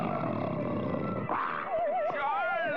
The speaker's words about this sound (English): Lion around here!